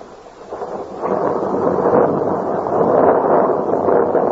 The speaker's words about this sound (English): While there, a storm arose. But it was closing time, and so Jan was forced to step out into the storm to make his way to his lodgings in the old part of Paris.